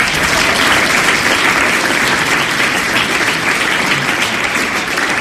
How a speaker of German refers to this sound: Einen herzlichen Applaus für Julius Fischer.